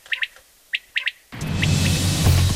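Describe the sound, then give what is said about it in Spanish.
A discreetly coloured bird that camouflages itself in fields when the warm season arrives calls alone in a quiet field, sharp bright chirps in quick pairs and triplets, before a loud dense wash of sound abruptly takes over. “En definitiva, despejar el futuro de este pájaro de colores discretos que se camufla en nuestros campos cuando llega el calor.”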